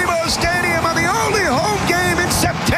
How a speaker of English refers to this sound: Jude Terry has scored! It's 1-0 LAFC! The youngster buries the rebound and LAFC take the lead! Oh, listen to the crowd!